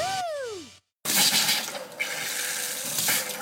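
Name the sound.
water running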